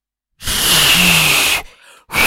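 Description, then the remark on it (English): A failed attempt at whistling: a long, loud rush of breathy air with only a faint, thin hint of pitch, then a short pause before another airy blow begins. “I tell you what, I know you can't whistle, can you? No, I can't Give us an attempted whistle.”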